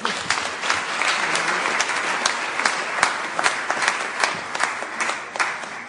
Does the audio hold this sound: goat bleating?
no